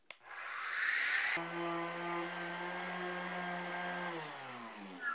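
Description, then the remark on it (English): An orbital sander loaded with 60 grit sandpaper runs loud, taking paint off a surface with a steady electric whir and a gritty buzz. Near the end its pitch sags and it winds down. “I've got an orbital sander here loaded up with 60 grit sandpaper made for this specific tool, and this will take it off super quick.”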